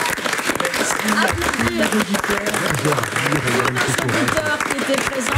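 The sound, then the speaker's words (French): An audience applauds steadily for about five seconds as a radio programme closes, a loud, dense wash of many hands clapping at once, with murmured voices mixed in underneath. “Applaudir, évidemment.”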